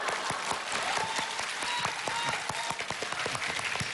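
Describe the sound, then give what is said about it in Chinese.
Steady audience applause for two performers on a stage fills the whole stretch, a dense, continuous patter of many hands clapping at even loudness, with a few faint whistles or voices mixed in. “谢谢，哎呀，谢谢谢谢谢谢大家掌声，哎，谢谢谢谢谢谢谢谢，好，谢谢大家，行，各位都坐下吧，坐下。”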